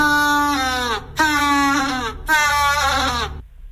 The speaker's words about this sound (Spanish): Marcamos la B, un pingüino. ¡Es correcto!